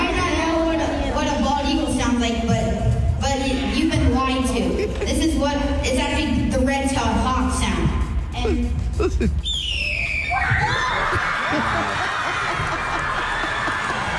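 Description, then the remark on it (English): A man imitates a red-tailed hawk's screech: one loud, high-pitched cry that slides downward and trails off into a noisy wash, after several seconds of other vocal sounds. “a lot of us think that an eagle sounds a certain way or makes that screech. Right.”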